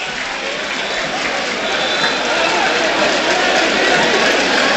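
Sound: stadium crowd applauding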